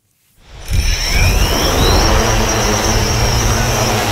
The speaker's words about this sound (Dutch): Deze drone is een vliegende speurneus.